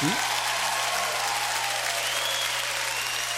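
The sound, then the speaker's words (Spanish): Steady, dense applause fills the whole stretch, a crowd of hands clapping loudly and continuously with a low steady hum underneath. “a quien le damos un aplauso.”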